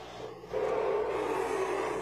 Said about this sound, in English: Letting the engine sing a little bit here